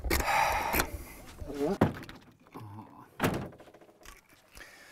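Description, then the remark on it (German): A camper van door is pushed shut with a solid thunk, followed by a second sliding-door clunk and some rattling, with a person's voice in between. “Ach so, muss ich die Tür zumachen?”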